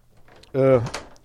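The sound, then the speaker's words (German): A door swings shut: a short tonal creak from the hinge, then a quick latch click, over a quiet background. “Jetzt klingelt hier das Telefon, ich mache mal die Tür zu.”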